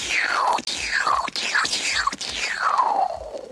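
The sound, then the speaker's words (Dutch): A voice imitates a laser gun as a space sound effect, with about five breathy, hissing zaps, each sweeping quickly downward in pitch, fired in a fairly steady rhythm with no speech. “Het lasergeweer.”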